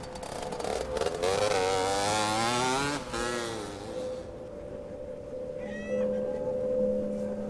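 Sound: moped engine revving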